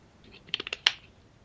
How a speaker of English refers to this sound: another slurp here.